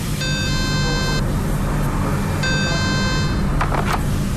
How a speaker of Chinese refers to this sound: 现在我们用这个消防电话给消防控制室打电话，啊，值班人员一直没有接听。好，我们再等一下。